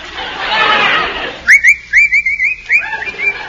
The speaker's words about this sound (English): What's the matter with you? What are you whistling for? Nothing. Can't a fellow whistle?